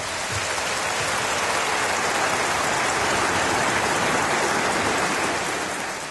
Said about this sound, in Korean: 오늘 귀한 연주해 주신 피아니스트 김기경 씨에게 다시 한 번 더 큰 박수 부탁드립니다.